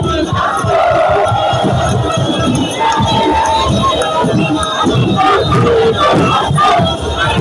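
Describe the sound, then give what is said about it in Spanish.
A large crowd of Argentine football fans cheers and chants loudly and continuously in Coquimbo, many voices shouting together in a steady, rhythmic roar with bursts of yelling throughout, jumping and singing the chant 'el que no salta es un inglés', dressed in sky blue and white. “Escuchá lo que dice, cómo festeja el público argentino.”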